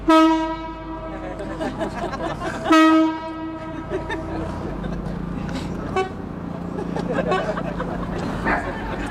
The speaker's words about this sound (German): Der Klang ihrer chinesischen Bambusorgel Shen wird übers Wasser getragen zum Publikum an der Kaimauer, während das Boot sich langsam nähert.